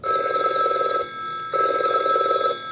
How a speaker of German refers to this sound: Für viele Menschen nur ein Klingelton. Für die ehrenamtlichen Mitarbeitenden der Babyklappe in Karlsruhe ein Alarmsignal. Denn es heißt, die Klappe wurde geöffnet.